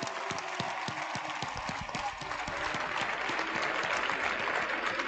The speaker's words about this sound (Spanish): Y queríamos acordarnos de ella. Así que un fuerte aplauso para María, que está viéndonos desde arriba.